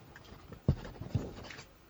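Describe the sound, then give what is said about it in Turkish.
A pen scratches quietly across paper in short strokes as a cheque is written, with two soft taps as it presses down; faint, with no one talking. “Gerisine çek yazacağım. Kaleminiz var mı?”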